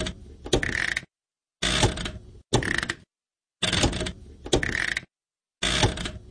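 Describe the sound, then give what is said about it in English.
A household washing machine's on-off switch clicks, sharp mechanical snaps over a faint hiss, heard in several short bursts separated by complete silence. “The on-off switch.”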